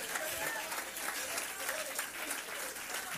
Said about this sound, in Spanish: Si vas a aplaudirle, apláudale con alegría.